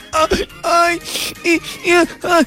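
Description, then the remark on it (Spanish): A loud voice imitates crying, portraying a weeping fruit salad, letting out five or six wavering, whimpering sobs in quick succession with brief gasping pauses between them. “Lloraba y lloraba esa ensalada de frutas cuando se le arrimando un helado.”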